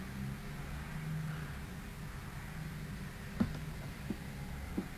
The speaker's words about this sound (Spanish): Pasaron 100 ómnibus, autos, estaciones.